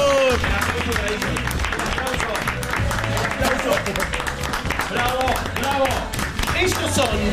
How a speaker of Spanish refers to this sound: Chicos, el aplauso para ellos. El aplauso. ¡Bravo!